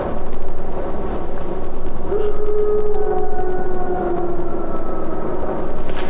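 A long, drawn-out wolf howl wavers and slowly rises in pitch, sustained for several seconds over a steady, loud rushing background noise.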